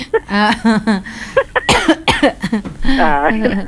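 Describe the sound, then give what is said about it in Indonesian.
A few sharp coughs from someone who has caught a cough burst out in the middle, framed by stretches of voiced, sing-song speech before and after. “Masuk, aduh pak, ketularan batuk di sini.”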